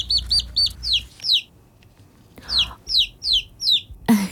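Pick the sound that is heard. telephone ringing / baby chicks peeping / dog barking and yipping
baby chicks peeping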